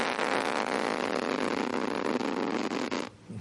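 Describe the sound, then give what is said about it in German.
A plastic tent zipper at a campsite is pulled in one long, steady stroke, a dense raspy buzz lasting about three seconds before cutting off abruptly. No one speaks. “Das war der Reißverschluss auf dem Campingplatz.”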